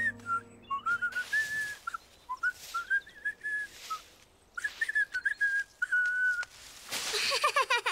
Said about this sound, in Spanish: Yo puedo silbar también. Buen intento, Franklin, pero no debes soplar tan fuerte.